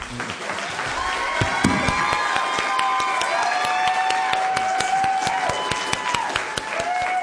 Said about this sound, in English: Thank you all. Thank you, Mr. Bregman. You may applaud.